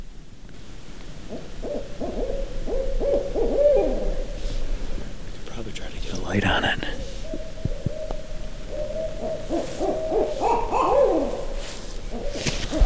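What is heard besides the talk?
owl hooting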